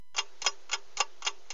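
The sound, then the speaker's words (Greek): Steady clock ticking: six sharp, evenly spaced ticks about a quarter second apart, crisp and bright, with no talking over them: the 6:30 time signal of the radio station of the Church of Greece, 89.5. “Ακούμε την ώρα, αμέσως μετά μουσική, και επιστρέφουμε.”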